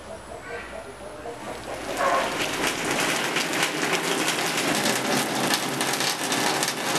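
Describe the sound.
Steady rain falls, a dense hissing patter that swells in after a quieter start and then holds loud and close, with faint voices underneath at the beginning.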